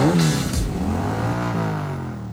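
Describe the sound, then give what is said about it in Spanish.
A Yamaha Crux motorcycle engine revs loudly, its droning pitch rising and falling through a couple of throttle bursts before easing off at the end, with no voices over it. “Pasajes todos los días, filas, espera, ¿y si con eso mismo pudieras pagar tu propia moto? La Yamaha Crux es económica y confiable.”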